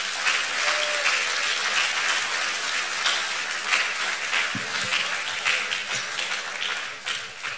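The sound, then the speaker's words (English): A church audience applauds steadily for several seconds to honor the choir master and the choir, a dense, continuous patter of many hands clapping at once, loud and even throughout with no voices rising above it. “Should I take it that all those of you who did not clap, let us do it better than that.”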